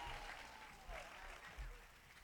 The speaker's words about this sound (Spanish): aplauso para Cristo. Fuerte el aplauso que es para el Señor, fuerte.